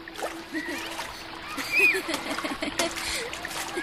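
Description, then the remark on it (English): Water splashes and churns continuously with irregular bursts as children play in a river, while faint, indistinct voices drift in the background. “Right as Shivdut opened his eyes, he saw Gobind and all his friends dressed up and ready to play in the river like always.”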